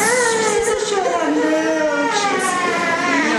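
A young child cries loudly and continuously after receiving a vaccination, a sustained wavering wail with no pauses, against faint background noise.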